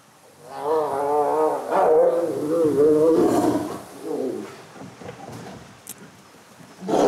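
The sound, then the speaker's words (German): Tigers put together snarl and roar in a short, rough scuffle as play briefly turns serious, loud wavering growls giving way to scattered grunts and rustling before one last snarl. “Tiger zusammenlassen, da ist der Pulsschlag nochmal 10 Schläge höher als beim Leoparden”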